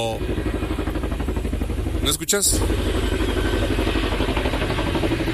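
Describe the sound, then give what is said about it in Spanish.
A helicopter of the Mega's aerial unit starting up, about to take off: the engine runs in a steady low mechanical drone with dense rhythmic pulsing, loud throughout, while a person speaks briefly over it; a short sharp burst cuts in near the middle. “Ahí está, escuchás el sonido del helicóptero que está arrancando.”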